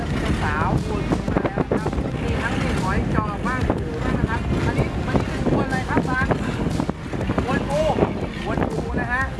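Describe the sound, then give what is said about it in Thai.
Strong monsoon wind roars steadily across the microphone aboard a small fishing boat out to haul in nets, with rushing water and choppy waves beneath, while a man talks loudly over the constant noise. “3-4 วัน ที่แล้วนะครับคือคลื่นลมเนี่ยมันหนักมากนะครับ3-4 วันที่แล้วเนี่ยออกเรือไม่ได้ก็เลยวันนี้คิดว่าน่าจะเบานะเลยออกมานะครับแต่ก็ยังเจออยู่ดีนะฮะ”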